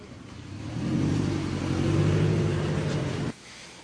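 A car carrying Mary Pelota revs and accelerates as it drives off, a loud, steady rumbling roar for about three seconds that cuts off sharply, leaving quiet background noise. No one speaks.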